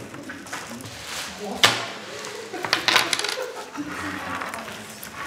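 Metal coins clink and drop onto a hard surface in quick, irregular bursts as a counting team tallies coins found in a metal-detecting competition, with a sharp louder clatter now and then, as a low murmur of voices continues underneath.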